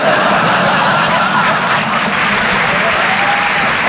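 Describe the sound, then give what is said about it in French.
A crowd breaks into dense, sustained applause, loud and steady throughout with a faint ripple of laughter mixed in; no one speaks over it. “N'applaudissez pas, vous allez tous mourir.”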